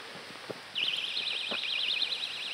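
After a few soft clicks, an owl personal safety alarm, taken from a jacket pocket and opened, suddenly starts up, a shrill, high-pitched warbling tone that wavers rapidly and keeps sounding loudly and steadily to the end.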